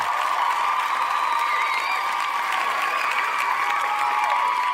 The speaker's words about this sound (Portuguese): Ela merece um aplauso